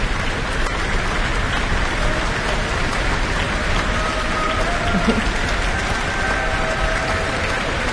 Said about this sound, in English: And there is stamping from the orchestra to make sure the Kobakina comes back onto the stage.